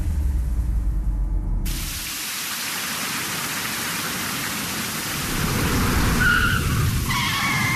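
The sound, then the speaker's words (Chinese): Heavy rain hisses steadily throughout, with a low rumble early on, then a bike ridden fast brakes, its brakes squealing sharply twice near the end as it slows on the slippery wet road. No one speaks. “你给我刹车，这么大的雨，路这么滑，你还骑那么快啊？”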